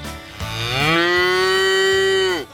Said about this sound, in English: Welcome to the Inspire FM Animal Talent Show. And our first contestant is a cow.